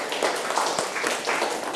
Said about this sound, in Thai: เก่งมากครับปรบมือให้เพื่อนหน่อยครับ